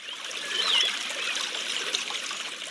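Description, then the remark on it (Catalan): Spring water trickling from a spring at the foot of the Toro mountain in a steady, unbroken gurgle, fairly soft, with no voices, just the continuous bright wash of flowing water throughout. “En els anys que plou molt, hi ha fonts que tornen a renéixer.”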